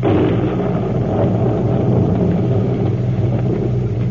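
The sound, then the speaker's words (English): Heavy, sustained thunder rumbles low and loud throughout during a storm at night, a steady rolling roar, with no voices. “On a night like this, Bowers might slip out through the storm.”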